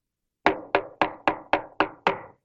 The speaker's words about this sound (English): And I decided to knock on her door one day.